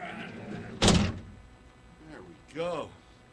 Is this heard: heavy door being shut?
yes